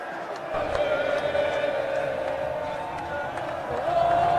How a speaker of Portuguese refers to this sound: Aparece agora na imagem o ônibus da seleção brasileira chegando, a gritaria é essa.